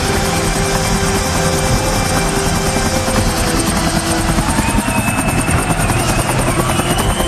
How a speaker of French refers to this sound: en arrivant sur le stade en hélicoptère.